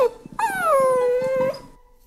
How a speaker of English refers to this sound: And who can resist the sound of puppies at 6:50 in the morning?